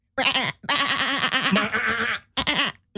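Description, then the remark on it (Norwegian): A person imitates a sheep bleating, a wavering, quavering voice in a few loud bursts: a short one, a long trembling bleat, then another short one. “Før du lage en sauelyd der også, da?”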